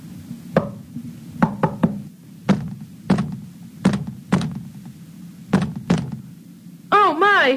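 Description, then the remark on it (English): About ten sharp knocks on a wall, knocked for good luck, with knocks seeming to answer back from the wall, some single and some in quick clusters, over a low steady hum, followed by a brief high wavering cry at the end. “It sounded like the wall knocked back at me.”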